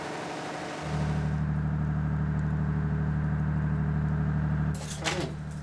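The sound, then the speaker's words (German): An emergency diesel generator kicks on abruptly and settles into a loud, steady, low-pitched engine drone with a constant droning hum, followed by a short burst of clatter near the end. “Das Anschalten des Notdiesels ist auch im Foyer nicht unbemerkt geblieben.”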